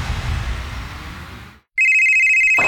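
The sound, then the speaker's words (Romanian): A telephone rings in a radio advertisement for Hotel Savoy Mamaia, with a loud, steady, high-pitched electronic tone that holds without a break, starting just after a brief silence that follows a wash of noisy sound. “Hei, te sună marea.”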